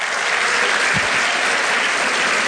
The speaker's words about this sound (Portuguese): Quem crê nisso, dá uma salva de palmas ao Senhor.